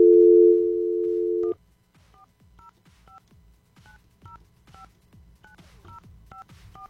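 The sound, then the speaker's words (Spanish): A steady dial tone hums for about a second and a half, then stops as a quick series of short touch-tone beeps dials a phone number to call a contest winner, each key press a brief two-note chirp, clear. “Ay, creo que marqué mal. ¿Marqué mal yo o...? Vamos a intentarlo nuevamente.”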